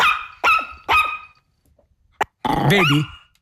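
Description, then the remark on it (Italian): On a phone voicemail greeting, a small dog yaps three times in quick succession, then after a short pause and a click lets out a longer, warbling growl-like vocalization. Fairly loud, with no one talking. “È lui. Col cagnolino.”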